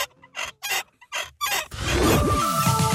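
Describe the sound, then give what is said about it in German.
A rusty, creaking squeak from the neck of a nodding dachshund toy (Wackeldackel) from the 1970s or 1980s, kept over 25 years in a basement: four short, evenly spaced squeals, then a longer continuous grinding screech with pitch sliding up and down. “Also über 25 Jahre im Keller, da kann es schon mal etwas verrostet quietschen im Genick.”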